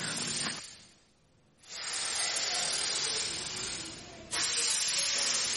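Steam hisses loudly in a steam room, a broad continuous rush that drops out briefly near the start and then resumes, surging louder again toward the end. No one speaks.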